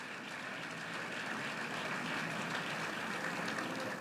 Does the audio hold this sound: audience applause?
yes